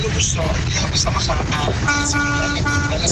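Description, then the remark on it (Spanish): A car horn blares in one long, steady honk partway through an audio message, sounding over a busy, noisy background with indistinct voices and street bustle. “Nos manda un audio sonando el claxon.”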